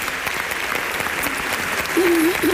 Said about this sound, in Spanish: te mandamos un beso y un aplauso desde el teatro, desde tu teatro.